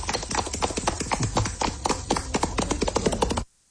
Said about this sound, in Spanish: En un video enviado a Caracol Radio por un líder de la comunidad, quedó registrada la celebración de los estudiantes. Escuche. 1, 2 y 3. ¿Dónde abre? Oh, bien. Aplausos.